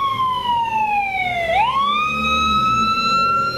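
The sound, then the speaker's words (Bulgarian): An ambulance siren wails loudly as the emergency team drives off a minute after a call, heading for a mountain hamlet near the village of Buk, 28 km from Krumovgrad, Bulgaria; its pitch slides down and sweeps back up in one slow cycle over a low rumble of road and engine noise. “Екипът тръгна с линейката минута след сигнала.”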